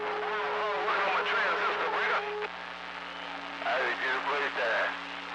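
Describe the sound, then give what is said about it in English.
A small transistor radio that someone is working on plays steady whistling tones under warbling, squealing sweeps and garbled voice-like chatter, as if drifting between stations. “I'm trying to work on this little transistor, man.”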